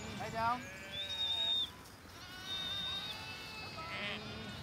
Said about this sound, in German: wir wollen jetzt die Schafe einmal reintreiben